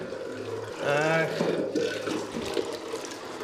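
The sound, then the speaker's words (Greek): Spring water runs steadily from a fountain spout at a spring beside a chapel on Tinos, Greece, where there are basins for washing clothes: a continuous splashing trickle, with faint voices talking briefly in the background. “Πηγή παρεκκλήση. Πάλι εδώ βλέπετε εικόνα, καντιλάκι, βάθρες για να πλένουν οι γυναίκες τα ρουχαλάκια τους. Θα πιούμε το νεράκι μας.”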